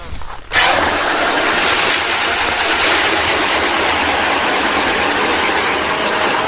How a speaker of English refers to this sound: So right now I'm about to start drilling that 10-inch auger hole for the pump.